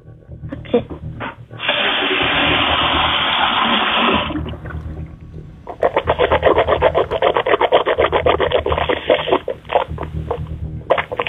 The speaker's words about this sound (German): Und das beweist uns einmal bitte, indem du in die Küche gehst und einmal so mit Wasser im Mund gurgelst. Ich gehe in die Küche. Und kleiner Tipp, nimm nicht zu viel Wasser, dann gurgelt sich das besser.